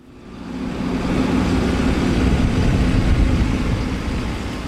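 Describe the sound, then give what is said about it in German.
A yellow tractor's heavy engine rumbles steadily as it rolls over muddy ground, a low droning motor sound that swells in over the first second and holds for several seconds without talking; its front loader carries a star-shaped concrete anti-tank obstacle on a chain, in Poland's border area near Kaliningrad. “Ein gelber Traktor rollt über schlammiges Gelände.”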